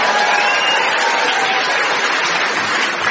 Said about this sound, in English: Ladies and gentlemen, let's give Tom the traditional warm welcome of the British for the new employee, which is applause mixed with sceptical muttering. For example, who the hell is this? And I give him 3 months. Applause and muttering, please.